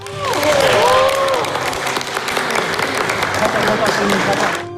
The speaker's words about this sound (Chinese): 现场掌声不断。